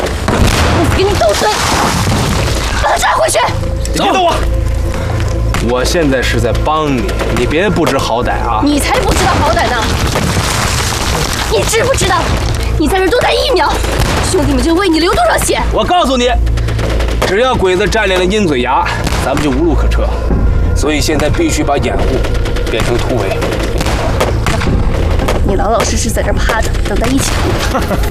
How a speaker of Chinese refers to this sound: 小鬼子火力还真够猛的，拿炮弹当子弹使呢。